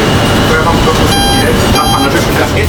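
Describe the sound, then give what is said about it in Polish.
A tram reversing, driven from its rear control desk, at the MPK tram depot in Kraków's Podgórze during a tram Children's Day event, with two short bursts of a bright, buzzing warning tone sounding over a steady low rumble of vehicle noise. “I on będzie wykonywał manewr cofania.”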